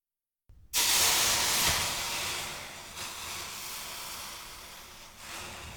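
A loud, sudden hiss as a hot pot is set on a water-soaked dish towel to cool it, sizzling steam that starts abruptly and slowly softens over several seconds, heard alone with no talking.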